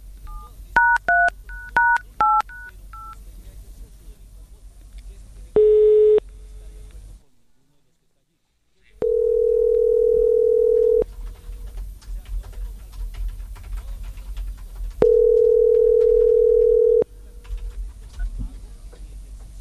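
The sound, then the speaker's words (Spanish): A quick run of about ten dual-pitched telephone keypad dialing beeps as the second call is dialed, then a short tone, a pause, and two long steady ringing tones over a faint background hum. “Estamos marcando al segundo.”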